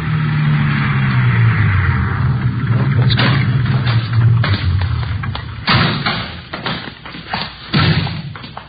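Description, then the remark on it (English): A car engine hums and drones steadily for a few seconds as police officers drive out to an address, a bungalow in the West Hollywood area, then gives way to a loud series of irregular thumps and thuds, like doors slamming and bodies shifting. No one speaks. “3:15 p.m., together with Sergeants Ullery and Bryant and two men from Metro Squad, we drove out to the address given us by Fred Norris.”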